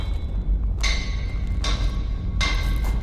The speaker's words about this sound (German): Wann immer der Hammer auf den Amboss niederfuhr, sprühten Funken. Das glühende Metall festigte seine neu gewonnene Form.